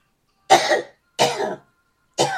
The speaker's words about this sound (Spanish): Jesucristo, perdón, la sangre de Cristo, reprendo esta tos mentirosa.